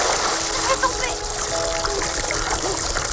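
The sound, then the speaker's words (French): Steady splashing and churning water in a lake as two dancers attempt a lift, with faint, indistinct voices and bits of laughter mixed underneath the dense wash of noise. “La scène, iconique, se termine dans les rires et les éclaboussures.”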